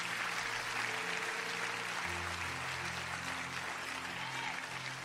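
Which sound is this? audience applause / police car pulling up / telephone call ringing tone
audience applause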